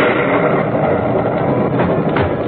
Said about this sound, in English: But about midnight, a terrific clap of thunder woke me up.